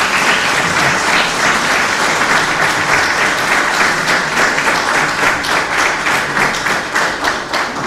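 Sustained applause from an audience for the people who donated photographs for an exhibition, a dense steady patter of many hands clapping at once, loud throughout with no speech over it.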